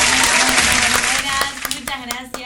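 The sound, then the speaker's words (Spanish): An applause sound effect played on a live morning radio show to welcome a young guest from Lules, Tucumán: a burst of dense, steady applause that thins out after about a second and a half into scattered individual claps, with a voice faintly audible underneath. “Le ponemos el aplauso.”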